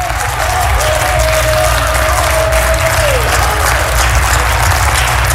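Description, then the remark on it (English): An audience claps hands steadily and loudly throughout to give God praise, a dense wash of clapping over a low organ drone, with a sustained organ tone sliding downward partway through. “Clap your hands. Clap, clap, clap.”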